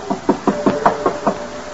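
A rapid series of about seven firm knocks on a wooden door, evenly spaced and close by, with no voices.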